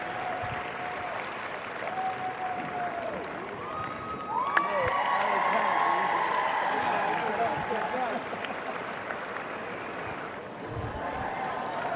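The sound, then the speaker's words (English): A large crowd at the Defender Kentucky Three-Day Event at the Kentucky Horse Park in Lexington, Kentucky, claps and cheers continuously for the winning rider and horse Diabolo. Dense applause swells in the middle with scattered whoops and whistles rising above it before settling slightly toward the end. “Ladies and gentlemen, please give a round of applause again for Will and Diabolo.”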